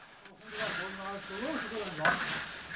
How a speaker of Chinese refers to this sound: 可以看出，传统杀青不但灶台高，炒锅嵌入灶中还有一个倾斜面。显然这样直立翻炒茶叶是很舒服的。他手里的这把木叉是用油桐树枝杈制成的。